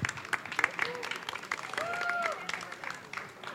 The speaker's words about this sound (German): Ihr habt ja nun am meisten hier hinter den Kulissen mitgewerkelt und dafür gesorgt, dass das alles hier ordentlich über die Bühne geht. Mein Gott, dafür mal einen kräftigen Applaus, bitte.